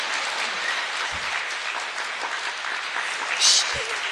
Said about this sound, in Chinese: 啊，是先鼓掌后欣赏啊。